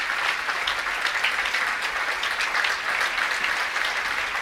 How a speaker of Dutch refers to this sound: Je hoort het aan het applaus. Daar zijn de muzici van Gamelan Saloukat. Helemaal in het zwart. Met zwart hoofddeksel. Maken een dankgebaar.